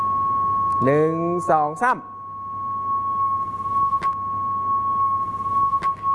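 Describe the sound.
In a classroom demonstration, a teacher plays a steady, high-pitched electronic tone through a loudspeaker that is moved toward the students. The tone hums continuously throughout, while a voice briefly counts over it at the start and a few faint clicks follow.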